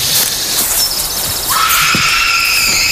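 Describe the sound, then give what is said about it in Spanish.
An eerie, high-pitched scream-like wail cuts through a hissing background, a thin piercing tone first, then a fuller, sustained cry rising in halfway and holding steadily to the end. “¿Habéis oído eso? Sí, parecía un grito, ¿no?”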